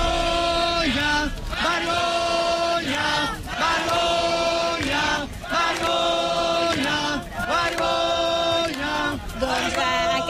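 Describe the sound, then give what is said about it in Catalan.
A crowd in a square shouts "shame" (Catalan "vergonya") again and again in a steady rhythmic protest chant, loud and continuous, with each cry rising in pitch before the next round begins. “són precisament aquests crits de vergonya que us estàvem explicant.”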